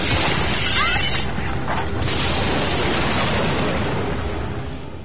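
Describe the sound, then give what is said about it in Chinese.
A loud, continuous roaring rumble with deep booming bursts and crackling debris, dense throughout before easing slightly at the end: the eruption of Mount Vesuvius, with repeated explosions amid continuous earthquakes. “随着接连不断的地震和爆炸声，火山喷发的速度越来越快，喷出大量的氧气和火山灰把天空遮住了，大地变得黑暗，有更多更大块的石头从天而降。”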